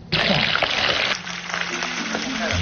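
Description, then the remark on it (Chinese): Loud, dense crackling sizzle of cut Spanish mackerel and tofu deep-frying in hot oil until golden, steady throughout, with a brief surge at the start and faint voices murmuring underneath. “切好的鲅鱼和豆腐放入油锅炸至金黄，等待与其他食材发生一场完美的邂逅。”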